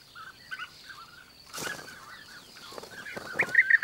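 Bee-eaters call repeatedly during courtship in short, rolling trills, overlapping in a busy chatter, with a couple of brief rustling bursts in between and no one talking. The birds have recently returned from Africa.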